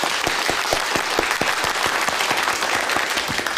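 A group breaks into steady applause as Political Commissar Tang is invited to give a pre-battle mobilization speech: dense clapping at an even loudness throughout, with sharper individual claps standing out in the wash. Nobody speaks over it.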